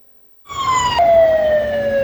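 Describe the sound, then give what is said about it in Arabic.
A loud fire engine siren wails in Kyiv, Ukraine, amid smoke after a Russian drone attack, coming in after a moment of silence, its steady tone dropping slightly in pitch, with a low rumble of traffic underneath. “على وقع أصوات سيارات الإطفاء وسحب الدخان، بدأت كييف يوما آخر بهجوم روسي جديد بالطائرات المسيرة.”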